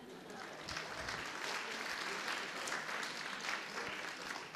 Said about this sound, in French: Ah, il y en a quand même quelques-unes, hein. On les applaudit.